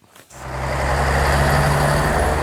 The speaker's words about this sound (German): Das war mal Deutschlands dreckigste Verkehrskreuzung, das Stuttgarter Neckartor. Erst nach Jahren wurde die Luft sauberer, die Stickoxide weniger, auch durch gerichtlich erzwungene Dieselfahrverbote und Luftreinhaltepläne.